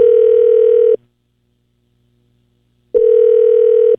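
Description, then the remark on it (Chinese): A telephone ringback tone sounds twice before the call is forwarded to voicemail, each a steady, loud, one-second electronic buzz, with about two seconds of silence between them. No one speaks. “您的电话将转接到语音信箱，嘟声后开始计费。”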